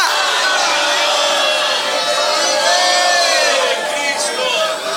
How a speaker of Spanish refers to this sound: ¿Puede dar un gloria a Dios? ¿Puede gritar un aleluya? ¿Otra vez? ¡Aleluya!